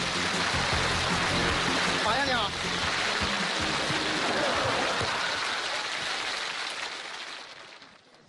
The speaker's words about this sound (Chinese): 首先第一位是我国著名的影视投资人，身价5亿的马白先生，让我们掌声有请马先生。